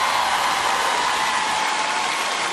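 A large audience roars with screams and cheers, a dense, steady wall of crowd noise that stays loud and unbroken throughout, with no single voice standing out.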